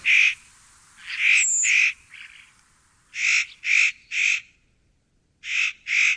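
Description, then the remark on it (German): A spotted nutcracker gives a series of harsh, rasping calls, about eight in short bursts of two or three with brief pauses between, loud, with no talking. “Mein Vogel der Woche, der äußerst cute Tanher Nutcracker.”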